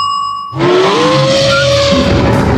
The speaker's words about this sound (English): That's not a line. That was my busted fan belt before I took it to Mick from Mick's ProGas.